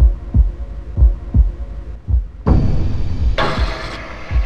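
Deep, thudding heartbeat-like bass pulses repeat at a steady slow rhythm, then a dense droning layer swells in halfway through, thickening into a loud, ominous wall of sound beneath the continuing beats.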